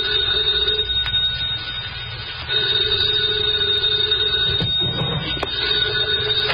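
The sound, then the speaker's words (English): An office telephone rings steadily and loudly in bursts at 2 o'clock in the morning, its electric bell trilling continuously with brief breaks between rings, with no voices present. “2 o'clock in the morning, the phone rang.”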